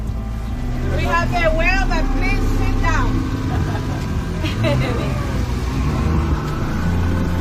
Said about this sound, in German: Das Boot rast auf eine Stelle zu, wo gerade noch eine Fontäne aus dem Wasser schoss.